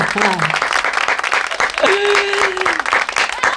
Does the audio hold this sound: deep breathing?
no